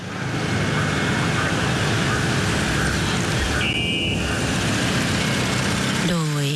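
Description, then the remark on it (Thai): A steady rumble of car engines as a royal funeral motorcade, led by the royal car carrying the royal remains, moves slowly along Ratchadamnoen Road toward the Grand Palace in Thailand, mourners lining both sides, with a brief high beep partway through and a rising whine at the very end. “ช่วงเย็นของวันนี้ถนนราชดำเนินนั้นได้แปลเปลี่ยนเป็นสายทานแห่งความทรงรักภักดีและความอาลัยท่ามกลางประสบกรณิกรที่มาเฝ้าสมเด็จกันจนเต็มสองฝั่งทางนะคะซึ่งขณะนี้รถยนต์หลวงเชิญพระศพทะเบียน1ดอเด็ก0929ได้เคลื่อนผ่านไปตามแนวต้นไม้บนถนนราชดำเนิน”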